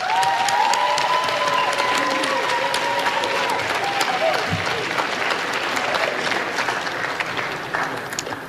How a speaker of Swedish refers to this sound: Det är en stor ära för mig att stå här idag och framföra vår gemensamma tacksamhet till all fantastisk personal på skolan och vår trygga skolledning. Ge dem en stor varm applåd.